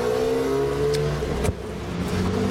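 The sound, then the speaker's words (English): A car engine hums steadily with a low, droning tone as the vehicle drives past on the street, with a brief thump partway through and no voices. “let's wait for this car to go by.”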